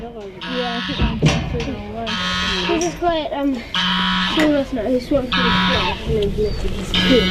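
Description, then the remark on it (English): A goose up on the top of a hill honks over and over in loud, harsh blasts, each call lasting about half a second, with a person's voice murmuring in the gaps between calls. “That goose is really insistent.”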